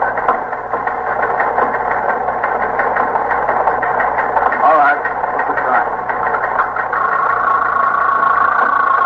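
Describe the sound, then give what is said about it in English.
A teletype machine in a police precinct clatters steadily and rapidly throughout, a fairly loud, continuous mechanical chatter, with a voice speaking briefly over it. “Sergeant, see if that's the promotions on the teletype, will you?”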